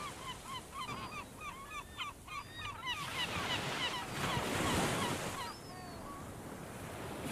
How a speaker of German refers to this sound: Du hörst nur noch den Wind, das Wasser und die Vögel der Insel. Du stehst auf dem Schiff und bestaunst die Vogelschwärme.